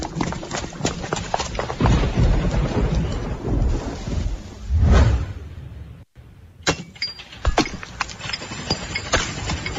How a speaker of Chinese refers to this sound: 哎呦，是怕啥就来啥，这说下雨就下雨啊。